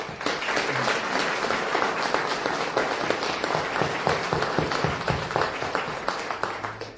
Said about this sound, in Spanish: Un feliz día a todas las mamás que están aquí presentes. Las saludamos con mucho cariño, dándole un fuerte aplauso a ellas.